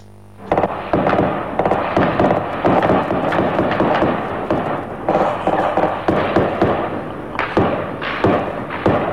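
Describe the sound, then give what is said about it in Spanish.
Sustained, rapid gunshots crack out in dense overlapping bursts for several seconds, loud and echoing, with no pause and no voices heard. “Escuchemos los disparos primero y después al ministro Carlos Negro.”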